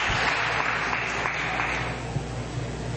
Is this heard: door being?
no